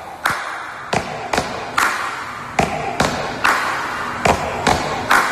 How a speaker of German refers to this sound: klingt nach einem stampfenden und klatschenden Chor von tausenden Fans.